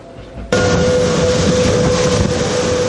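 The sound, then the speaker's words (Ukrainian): A passenger train from eastern Ukraine, one of its carriages carrying evacuees from frontline towns and villages, rumbles in loudly, its noise starting abruptly after a quiet moment and holding steady, with a sustained metallic whine running through the heavy clatter. “Цей потяг прибув зі сходу України.”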